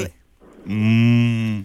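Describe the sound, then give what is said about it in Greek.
A person's voice imitates a cow with one long, steady, low moo that swells in and holds for about a second, loud. “Κάνω και αγελάδα. Πάρα πολύ καλή.”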